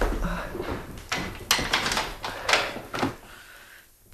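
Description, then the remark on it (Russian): A door being closed, with a series of clunks and scraping rattles over a few seconds before a final latch-like thump, then quiet. “Ну, на всякий случай я закрою дверь.”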